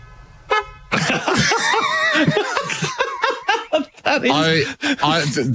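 A single short car horn toot, a steady buzzy tone lasting about half a second, followed immediately by loud laughter and lively chatter from several people.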